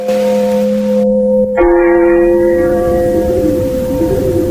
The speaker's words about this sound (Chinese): 教堂的钟声悠悠地回响起来。池田停住了脚步，回头望着镶嵌在夜幕中的钟楼，听着钟楼里传出的缓缓的钟声。